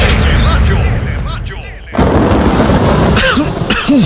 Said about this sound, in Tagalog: Tagulan na. Uso na naman ang ubo.